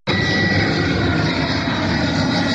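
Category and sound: vehicle, airplane flying overhead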